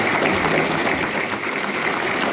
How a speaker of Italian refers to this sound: L'applauso che sentite è per l'ingresso del Presidente della Repubblica.